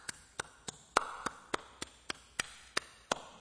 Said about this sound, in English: Can you hear that? You know what that is right there? That's the language. That's the language of the nation. So what are you talking about? Well, if you hear this, this is what clapping sounds like in Africa.